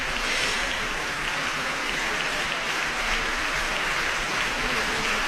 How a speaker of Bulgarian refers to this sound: Аплодисментите са за изпълнителите на тази композиция.